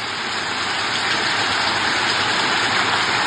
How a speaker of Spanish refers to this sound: Súbalo un poquito. Escuchemos un poco el sonido de la lluvia en San Pedro de la Paz.